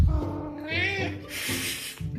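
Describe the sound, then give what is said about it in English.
A cat meow, one drawn-out, wavering cry that rises and falls, followed by a breathy, hissing rush of noise and a short fainter sound at the end; the cat, Ollie, is meowing for his dinner at 6 o'clock after coming in from outside. “So it's 6 o'clock, it's dinner time, and my cat Ollie has come in from outside and now he's being noisy.”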